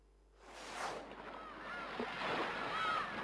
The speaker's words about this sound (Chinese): 海潮声渐渐变得急促，海浪呼啸着滚滚而来，在礁石上拍起巨浪